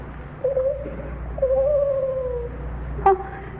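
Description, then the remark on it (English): An owl hoots three times: a short call, a long wavering drawn-out hoot, then a brief sharper one, clear over a low, steady background rumble. “What's that? Oh, it's only an owl.”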